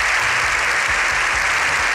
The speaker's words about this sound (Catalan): Més de 7 minuts d'aplaudiments, aquests que sentim, dels aplaudiments més llargs que recorden al Congrés dels Diputats, en una imatge inèdita d'un congrés que per un matí ha aparcat la discussió política.